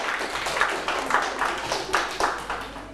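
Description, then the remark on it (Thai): A group of students clapping together for a classmate at the teacher's request during a lesson, a steady patter of overlapping hand claps lasting a few seconds at moderate volume with some background murmur. “โอเคอ่ะปรบมือให้เพื่อนด้วยครับ”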